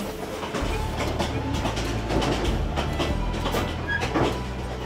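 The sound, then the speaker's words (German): A train on the railway line through northern Shan State rumbles steadily along the tracks toward Sipo, with a deep continuous low drone and repeated metallic clicks and rattles from the wheels. “Gegen 15 Uhr sind wir genug durchgerüttelt und erreichen Sipo.”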